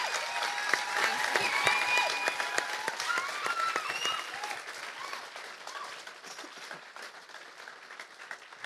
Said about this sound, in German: Vielen, vielen herzlichen Dank dafür. Das hat, glaube ich, einen Applaus verdient, das ganze Team.